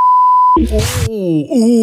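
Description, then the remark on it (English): A single steady censor bleep, a pure high tone lasting about half a second, covering a contestant's swear word, cuts off abruptly into a loud raspy burst and a drawn-out, wavering vocal groan. “Ooh, lucky we had a sensor.”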